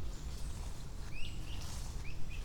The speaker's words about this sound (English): See, now the birds are acting weird. Are the birds acting weird because I'm here? I doubt it.